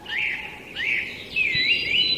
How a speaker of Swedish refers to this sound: Det här är kanske sångsvan snarare som låter faktiskt. Det är nog det, va?